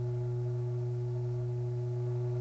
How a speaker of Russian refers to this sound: Слышите? Гудок!